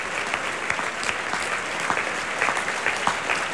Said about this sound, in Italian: E adesso l'intero cast dei solisti si avvicina al palcoscenico per prendere gli applausi, si stanno inchinando.